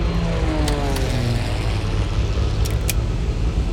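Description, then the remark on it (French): Loud, steady propeller-plane engine roar from a Twin Otter ski plane, a dense low drone filling the whole clip with a few falling tonal whines early on and brief sharp clicks. “Le boucan d'enfer que tu entends, c'est un Twin Otter, un petit avion à spatule pour se poser sur la glace.”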